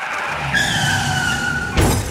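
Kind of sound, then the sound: vehicle, car skidding and crashing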